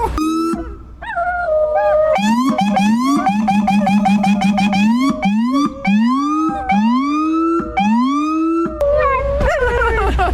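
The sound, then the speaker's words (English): A loud siren, switched on to make the dogs howl, wails and whoops in rising, stuttering cycles while dogs, one named Gojo, howl along with it, their long voices rising and falling over the blaring tone throughout. “Oh my god, can I put the sirens on to make them howl?”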